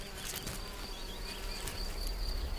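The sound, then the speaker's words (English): A small red-tailed mason bee buzzes steadily and fairly quietly for a couple of seconds as it maneuvers an empty snail shell into position, with faint rustling scrapes underneath and no voices. “It's no easy task for a small bee like the red-tailed mason.”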